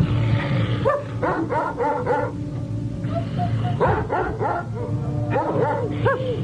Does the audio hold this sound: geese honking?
no